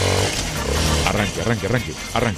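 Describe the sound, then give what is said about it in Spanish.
A new Suzuki DR160X motorcycle engine is started and rumbles low and steady, then revs in several quick rising bursts, loud, with a voice sounding over it. “Arranque con esa motocicleta, que esa es la que usted se va a ganar.”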